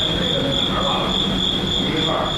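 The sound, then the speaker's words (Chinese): A cricket trills in a steady, unbroken high-pitched drone, holding constant throughout against a bed of rough, rumbling background noise. “斗蛐蛐也是有原则的，讲究长不斗宽，黑不斗黄，薄不斗厚，嫩不斗老，可谓斗艺有道。”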